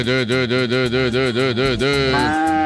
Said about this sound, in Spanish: Ay, qué rico lechita. Uf, esa vaca está en sus días. Uf, necesita un toro.